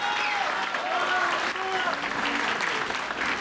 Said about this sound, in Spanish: Un aplauso para él, gracias.